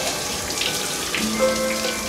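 Shower water runs in a steady, dense hiss from start to finish, with a faint low tonal hum creeping in partway through. No one speaks.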